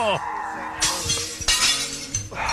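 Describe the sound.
Three loud, bright crashes of brand new plates smashing in quick succession, each a burst of sharp shattering noise that rings briefly before the next, with a voice heard faintly at the start.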